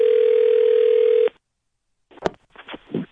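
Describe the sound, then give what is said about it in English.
A steady, telephone-filtered dial tone hums for over a second and cuts off abruptly as a prank call is placed to customer service at a major department store. After a short silence, brief crackly bursts of ringing come through the phone line. “It's our phone prank.”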